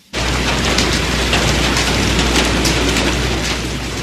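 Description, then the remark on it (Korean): Heavy rain leaks through the roof of an old house into 18 bowls set out to catch it, a steady, dense hiss of water with scattered sharper drips and splashes throughout, loud and unbroken, with no voices. “무슨 지붕이 이렇게 잘 새요?”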